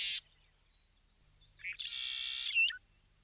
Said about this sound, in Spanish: Porque cuando el viento baja su intensidad, aparece otro paisaje sonoro, el sonido de las aves, el movimiento de los animales y en determinados sectores, el agua.